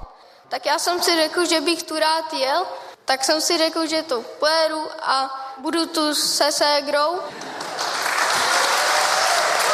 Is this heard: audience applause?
yes